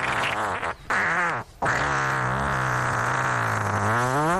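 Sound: long drawn-out fart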